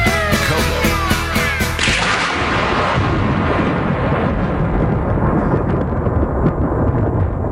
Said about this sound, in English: Thunder.